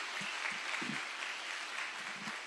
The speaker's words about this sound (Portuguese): Eu creio que Deus é digno de receber mais um aplauso em nome de Jesus. Glória a Deus.